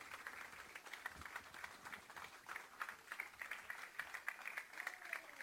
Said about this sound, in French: Une bonne main d'applaudissement, s'il vous plaît,